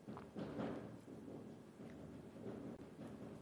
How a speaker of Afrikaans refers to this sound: Nogal heel gepast die ene met die donderweer wat hier buite te kere gaan.